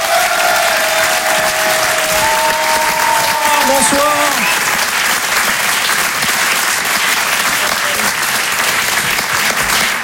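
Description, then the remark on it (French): A live audience at the Rire et Chanson Comedy Club claps and cheers steadily throughout, a dense wash of applause with a few whoops, while a man on stage briefly greets the crowd over it. “Et en live ce soir sur la scène de Rire et Chanson Comedy Club, applaudissez-le s'il vous plaît”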